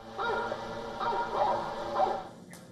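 Sound of hunting dogs barking, used by the authorities with drones to drive away bears: a quick series of four or five harsh, raspy barks, steady in loudness, heard alone without talk.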